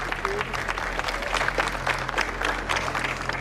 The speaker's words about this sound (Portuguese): O cortejo seguiu pelas ruas da cidade já durante a noite, e por onde passava, o povo aplaudia.